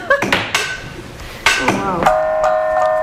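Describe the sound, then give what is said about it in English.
A gong is tapped softly several times, each light metallic strike leaving a shimmering, sustained ring that overlaps the next, with the final tone humming steadily to the end. “The gong is just very subtle.”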